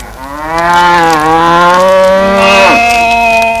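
A cow lets out a long, loud moo, its low harmonic call sustained for several seconds before sliding and tailing off, with no one speaking.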